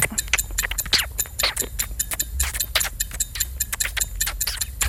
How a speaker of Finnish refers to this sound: Meillä nyt ei 6 sekunnin kelloa, mutta tämä kestää 5 sekkaa. Eli se alkaisi niinku NYT nyt.